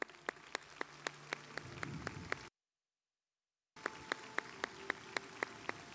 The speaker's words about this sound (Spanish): Chihuahua te reconoce y te aplaude.